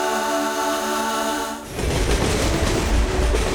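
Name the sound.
train running on rails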